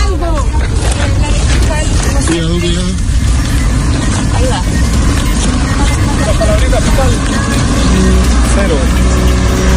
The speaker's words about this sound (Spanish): Salió nomás, lento su vehículo